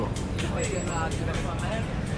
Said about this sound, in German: Und der Verkehr. Laut, wild und ungeregelt. Schnell wird man von der Energie der Stadt gepackt.